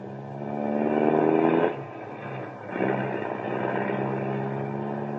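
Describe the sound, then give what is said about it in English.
A car engine roars at speed with a steady, humming drone, briefly easing off before revving back up and carrying on loudly, as the car flees from a police car following it. No one speaks. “There's a car following us.”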